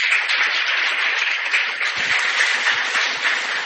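Steady audience applause at a parish festival, thanking the visitors present, a dense wash of many hands clapping at an even, sustained loudness for several seconds with no voices breaking through.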